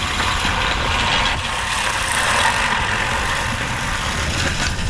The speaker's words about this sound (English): You get a workout when you're throwing that thing. Definitely. The human-powered lawnmower.